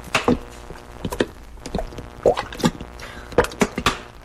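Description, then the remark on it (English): Peppers tumble into a big saucepan in a run of irregular thuds and soft plops, some clustered, some spaced apart, with no talking over them. “Pour in all the peppers.”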